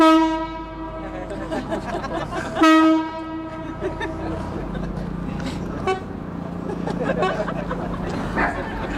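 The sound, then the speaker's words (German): A Chinese bamboo mouth organ (sheng) sustains bright, reedy chords in open air, played on a wooden canopied boat on the Spree, carried over the water to an audience on the quay wall as the boat slowly approaches; held notes swell and shift over a steady low rumble and faint ambient noise. “Der Klang ihrer chinesischen Bambusorgel Shen wird übers Wasser getragen zum Publikum an der Kaimauer, während das Boot sich langsam nähert.”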